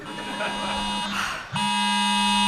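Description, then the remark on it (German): A phone's AT-Alert emergency alert, warning of a storm with heavy rain and flood danger, blares a harsh, loud buzzing tone that holds steady, breaks off briefly amid a rustling noise, then resumes just as loud and unchanging. “AT-Alert?”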